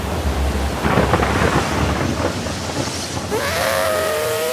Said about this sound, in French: La pluie est sans fin.